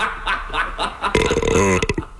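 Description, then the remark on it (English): A single loud, drawn-out burp with a low, croaky rattle lasts about a second, prominent after a brief stretch of softer background sound. “And a diet with pork, sauerkraut, and beer, it's called the South Belch Diet.”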